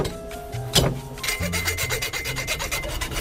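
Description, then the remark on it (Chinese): A blade is used with full force to chop hard, tough cowhide that scissors cannot cut, with one sharp, loud strike, then keeps working it with a steady run of rough, rasping strokes, like sawing or scraping. No one speaks. “我就使足了劲，咱们剁一下。”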